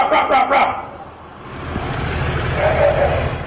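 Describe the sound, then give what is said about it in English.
Frogs in a sewer give a quick burst of three harsh, bark-like calls that echo as if from a tunnel, then a low rumbling hum with a fainter drawn-out call near the end. “Inside of the sewer system, where you get that amplification from the tunnels, that sound just like a barking dog. Every time it is frogs.”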